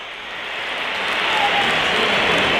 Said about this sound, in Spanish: Pitos para Chouameni.